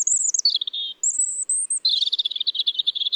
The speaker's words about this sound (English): These are two different robins, the first in a city, the second out in nature. New research shows that some city birds are actually changing their songs.